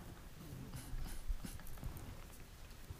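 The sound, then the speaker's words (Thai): Chisel carving patterns into Mae Takhian wood taken from damaged temples and houses, heard as a series of sharp, irregularly spaced taps and knocks over a low background rumble, with no voices. “คุณผู้ชมครับเนี่ยเรามาแกะสลักไม้ตรงนี้เป็นไม้แม่ตะเคียนนะฮะที่มาจากหลายๆพื้นที่โดยเฉพาะวัดและบ้านต่างๆที่มีการชำรุดตรงนี้นะแล้วก็สามารถมาแกะลายเป็นลายต่างๆได้”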